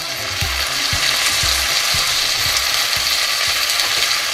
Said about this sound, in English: This is supposedly one of the most satisfying food sounds. Maybe you've heard it this morning. The sound of sizzling bacon.